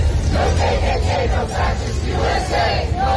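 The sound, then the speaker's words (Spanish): A crowd of about 200 people protesting the presence of ICE chants the slogan "Ni KKK, ni fascistas, ni ICE" in unison, voices rising and falling in a steady rhythmic cadence over a constant roar of people, loud and sustained throughout. “Ni KKK, ni fascistas, ni ICE, se escucha gritar mientras en las pancartas se exige dejen de ejecutar a miembros de la comunidad.”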